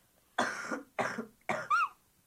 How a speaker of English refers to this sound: One second, I need to cough.